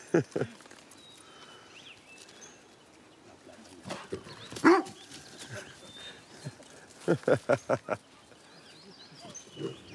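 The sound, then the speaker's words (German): A dog barks outdoors in short, sharp yelps: a couple at the start, a louder one midway, then a quick run of four barks, with one more at the end. “Da sagt der Hund, wo es lang geht, was?”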